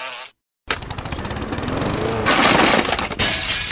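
After a short silence, window glass shatters in a loud, bright crash, with a rapid, rattling spray of breaking shards that keeps going for about three seconds. No one speaks.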